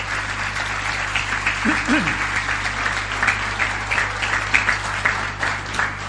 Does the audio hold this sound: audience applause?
yes